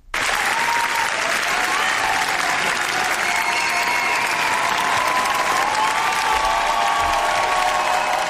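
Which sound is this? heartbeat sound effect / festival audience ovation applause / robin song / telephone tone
festival audience ovation applause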